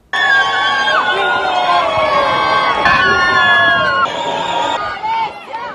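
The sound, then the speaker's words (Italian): Wedding guests cheer and clap as Italian national team goalkeeper Gianluigi Donnarumma and his bride leave the Chiesa Madre di San Giorgio Martire in Locorotondo after the ceremony, with excited voices, shouts and chatter blending into a loud, steady roar that lasts throughout. “Il primo saluto da marito e moglie tra gli applausi dei presenti.”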